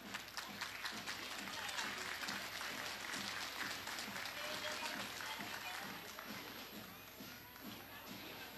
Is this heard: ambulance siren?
no